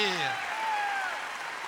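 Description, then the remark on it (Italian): Steady applause from a crowd for a cancan dance performance fills the whole moment, a dense patter of clapping with a few voices rising over it in cheers. “Facciamo un grande applauso al cancan”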